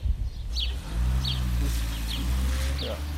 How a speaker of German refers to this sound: Jestli je to možné, ale až tady to auto odjede. Okamžiček.